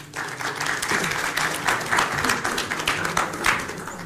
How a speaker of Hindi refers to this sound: चलिए आइए तालियों के साथ स्वागत कीजिए अगले दो पार्टिसिपेंट्स का